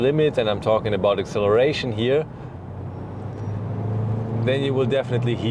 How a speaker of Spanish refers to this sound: Lo único que hay que reconocer es que si decides llevar el coche al límite, y me refiero a la aceleración, sin duda lo irás.